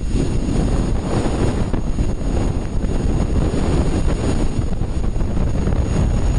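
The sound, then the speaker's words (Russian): A sonified recording of the solar wind at Venus, recorded in 2021 by the BepiColombo spacecraft: a dense, steady roaring hiss with heavy low rumble, constant in loudness throughout, like gusting wind buffeting a microphone, with no voices. “У нас есть звук солнечного ветра с Венеры. Его записал в 2021 году аппарат Бепи Коломбо.”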